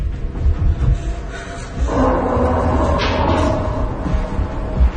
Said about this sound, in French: Tu vas pousser la table contre la porte.